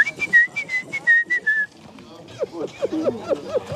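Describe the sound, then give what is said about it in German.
Tics returning as a person's concentration fades: a rapid run of short, high whistles repeats in quick bursts, then gives way to squeaky, guinea-pig-like chirps and vocal noises, fairly loud. “Als die Konzentration nachlässt, kommen die Ticks zurück. Pfeifen und Geräusche, die mich an ein Meerschweinchen erinnern.”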